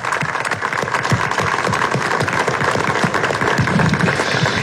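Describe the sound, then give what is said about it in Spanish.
An audience applauds in honor of God Almighty, a dense patter of many hands clapping at once that holds an even, fairly loud level throughout, with no voices rising above it. “pero hay alguien a quien sí hay que darle las gracias y hay que darle la honra y la gloria, y es a Dios Todopoderoso, para quien pide un aplauso que nos permite estar acá en este día.”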